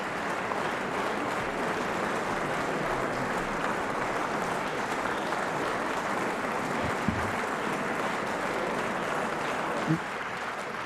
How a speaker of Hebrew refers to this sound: בואו נשמע עוד קצת את מחיאות הכפיים משלושתם.